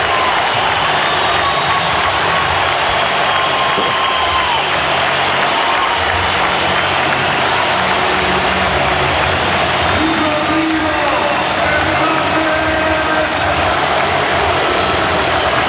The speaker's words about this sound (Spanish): Gente de pie, ¿eh? Sí, en el Spotify Camp Nou, ovación tremenda a Rodrigo Hernández Cascante, que aplaudía a las, bueno, yo creo que 45-50 mil personas que ahora se agolpan en el Spotify Camp Nou.